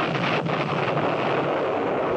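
A distant, muffled explosion far along a valley leading north rolls as a long, steady rumble under a broad wash of wind-like noise, with a brief sharper burst near the start and no voices.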